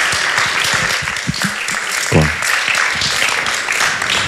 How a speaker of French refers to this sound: Mais quand même, on l'applaudit deux fois. C'est normal, c'est normal.